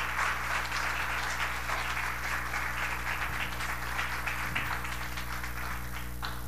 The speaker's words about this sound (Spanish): Y si Dios te habló en el día de hoy, dale un fuerte aplauso en el día de hoy.